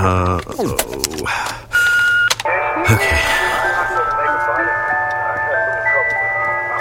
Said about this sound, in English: Wait, I know this song. It's so annoying. It plays over and over and over again because it's the ice cream truck.